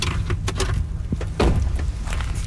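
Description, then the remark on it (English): The front door of a house up a mountain on Vancouver Island is opened by a woman in her 30s, with a short mechanical clunk and a brief scraping swing, over a steady low rumble and patter of rain outside; no one speaks. “A woman in her 30s, dressed casually in stretchy black pants and a cardigan, welcomes us at the door.”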